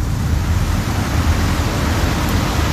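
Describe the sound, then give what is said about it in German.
An electric fan running to cool off in summer, with a steady, even whoosh of airflow, heavier in the low end, holding constant without pause for the whole stretch, with no voices. “Ja, der Ventilator, ne?”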